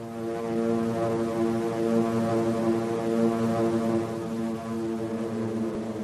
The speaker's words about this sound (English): Suddenly could be heard the steady hum of aircraft engines. A hum that grew into a steady drone. And out of the clear Pacific sky, they came, like angry insects.